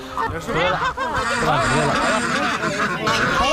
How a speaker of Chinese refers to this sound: 现在这个鹅应该心里非常的害怕，不知道这些人到底要干什么。